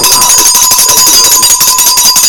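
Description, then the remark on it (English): A loud, continuous electric alarm bell rings without pause, a harsh metallic clatter with bright high overtones and a steady tone running through it, with no voices over it. “All right, we'll use that bell to wake all the people whereby the guy doesn't wake up.”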